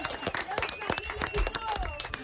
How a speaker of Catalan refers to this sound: Molt bé, això mateix. Fort aplaudiment.